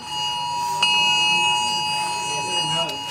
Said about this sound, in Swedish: Först kom larmet som både tjöt och vibrerade. Någon minut senare kom ett meddelande om att det var ett test.